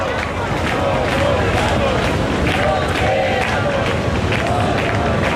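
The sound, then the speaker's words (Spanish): A large protest crowd in the Puerta del Sol chants and shouts 'nos quedamos, no nos vamos' together in a steady, rhythmic roar, many voices blending into a loud, continuous wall of collective protest noise, as the repeal of a decree is approved. “Y el grito es: nos quedamos, Piñero, no nos vamos. La Puerta del Sol, de momento, el grito es: nos quedamos, no nos vamos, justo en el momento en el que se ha aprobado la derogación de ese primer decreto, que decae desde este momento.”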